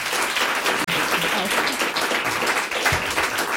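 A crowd applauds steadily for a few seconds, a dense, even wash of many hands clapping at once, loud and sustained with no talking over it.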